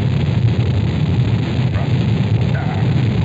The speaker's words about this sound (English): The engine's now building up to 7.7 million pounds of thrust. We have a launch commit and we have a liftoff. The swing arm moving back. The Saturn V lifting off the tower. Alpha pad building up thrust. We clear the tower.